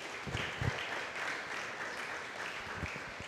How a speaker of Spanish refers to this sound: Denle un fuerte aplauso a Cristo, aleluya.